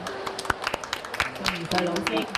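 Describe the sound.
Light, scattered applause from a small audience welcoming a Hong Kong children's literature author, sharp irregular claps mixed with voices talking and murmuring over them throughout.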